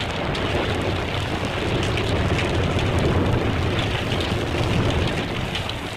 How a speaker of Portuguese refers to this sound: Ou uma chuva com trovões, que ilustrava as séries de suspense.